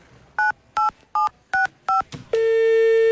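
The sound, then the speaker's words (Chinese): Five crisp telephone keypad beeps, evenly spaced and fairly loud, as someone dials a phone to call their father, followed by a steady sustained phone line tone that continues to the end. No voices. “警察叔叔，我可以给我爸爸打个电话吗？”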